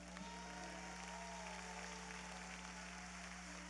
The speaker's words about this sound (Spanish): Así que este aplauso es de Panamá para Puerto Rico.